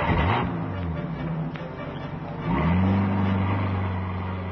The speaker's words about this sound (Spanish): Un coche se aleja del lugar, perdiéndose en la distancia.